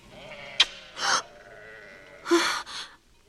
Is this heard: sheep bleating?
yes